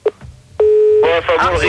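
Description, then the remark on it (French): A short beep, then a steady, loud telephone dial tone holds for a moment before voices start talking over it as the tone fades under the conversation. “Il y avait la tonalité là.”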